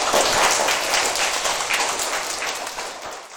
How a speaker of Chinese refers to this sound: 水资源啊，我觉得你的这个想法应该值得大家一个掌声啊，请坐。